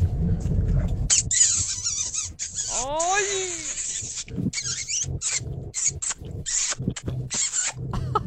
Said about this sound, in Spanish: A ver, quiero escuchar esos besitos, chiquiones. A ver, échale.